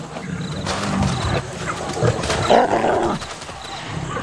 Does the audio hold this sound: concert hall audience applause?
no